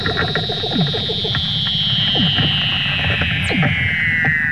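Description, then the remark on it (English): Underwater calls of a mother Weddell seal and her pup, from video released by the Woods Hole Oceanographic Institution of the mother teaching the pup to swim: a long, high whistle glides slowly downward throughout, over a busy bed of rapid pulsing trills and short descending chirps. Steady and eerie, with no talking. “It includes the otherworldly sound of their underwater calls.”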